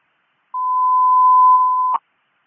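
A single steady electronic radio dispatch alert tone, sent on channel 5 ahead of a dispatch call, holds for about a second and a half on its own, then cuts off with a brief click. No voices.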